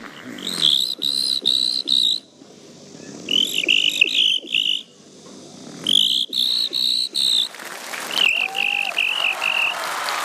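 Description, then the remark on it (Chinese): A voice imitates a cricket with loud, high-pitched chirps in quick bursts of about four, repeated three times, then drawn out into a longer trilling chirp at the end. “第二种声音，给我学一只蟋蟀。”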